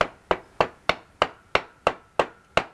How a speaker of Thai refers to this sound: ซี่รถม้าอย่างลักษณะเนี้ยมีลองตอกไปเลย ได้เหรอคะ ได้ลองใช้ค้อนตอกไปมันจะพอดีมันตอกอีกซี่นึงอ้าวนั่นนะตอกไปเลยนะ